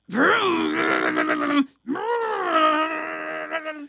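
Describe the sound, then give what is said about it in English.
A voice imitates a vacuum cleaner running, with two loud, droning vocal hums separated by a brief gap, the pitch sliding up at the start of each. “I hear the vacuum.”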